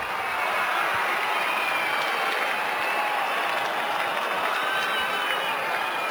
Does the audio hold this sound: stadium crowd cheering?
yes